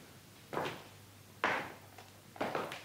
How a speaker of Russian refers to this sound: Смотри-ка, вращающаяся дверь.